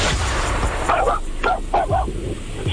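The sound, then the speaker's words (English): A dog barks several times in quick, uneven bursts over a phone call, heard over a constant hissy phone-line background, with no one talking. “I have to know, are you calling me or did the dog dial me?”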